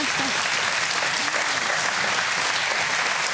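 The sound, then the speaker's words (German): An audience claps steadily, a dense, even wash of applause that holds at full strength for several seconds, with faint voices mixed underneath. “Ja, sauber, das gibt doch mal einen Applaus, oder?”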